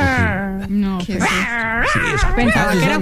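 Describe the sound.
A man's voice makes what is called his cat sound, imitating a small pinscher dog with a continuous run of high, wavering yaps, whines and growly yips, loud and steady for about three seconds with no other talk.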